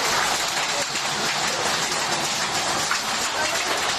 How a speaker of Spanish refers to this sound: En Beniardá, en el Valle de Guadalés, el protagonista fue el granizo.